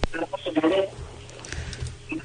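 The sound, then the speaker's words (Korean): A caller's radio plays in the background over a thin, telephone-quality line, its muffled voices and sound echoing at moderate volume before fading to a low murmur. “저 라디오 먼저 끄시겠습니다.”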